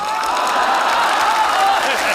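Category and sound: crowd, audience applause and cheering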